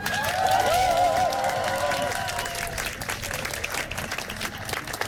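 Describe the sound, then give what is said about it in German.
An audience at a Trans Day of Visibility event claps steadily for several seconds for a speaker, a dense wash of applause with a few whistles and cheers rising near the start before easing slightly toward the end. “Ein großer Applaus”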